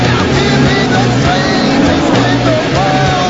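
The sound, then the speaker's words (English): Loud, continuous engine roar from several massive race cars thundering past, with deep rumbling tones that hold steady and shift slightly in pitch across a few seconds. “applauds as the massive cars thunder by.”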